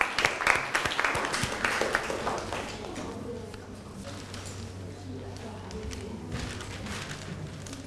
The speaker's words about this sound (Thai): ต่อมาค่ะนักเรียนตัวแทนกลุ่มที่2นะคะที่จะมานำเสนอในวันนี้พร้อมไหมคะกับหัวข้อระบบประสาทที่มีผลต่อพัฒนาการค่ะขอเสียงปรบมือให้ตัวแทนกลุ่มที่2หน่อยค่ะ